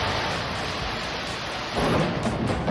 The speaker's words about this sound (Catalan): Amb aquests trons que també van afectar, en aquest cas, a Sitges i moltes zones del país, unes pluges que van provocar també i fortes afectacions al Prat.